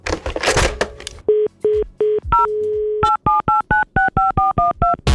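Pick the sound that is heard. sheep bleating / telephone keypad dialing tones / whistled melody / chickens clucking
telephone keypad dialing tones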